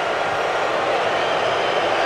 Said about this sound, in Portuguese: Aí, ó. Mais vaias. Pode ter certeza que vão vaiar.